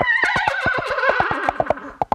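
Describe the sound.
A trumpet imitates a horse's whinny, its bright, wavering tone sliding downward over a steady clip-clop beat made with coconut shells imitating horse hooves, finishing with a few sharp, isolated hits. Loud, no voices.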